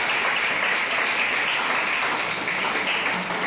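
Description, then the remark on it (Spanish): An audience applauds steadily for young people who are about to give testimony, a dense, even wash of many hands clapping at a constant, fairly loud level for the whole stretch, with no voices standing out. “¡Un aplauso!”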